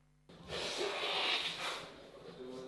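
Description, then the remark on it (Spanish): A drawn-out sniffle through a nose congested by a cold, a breathy hiss that swells and fades over a couple of seconds with no one speaking. “¿Refrío, che? Refrío, tos.”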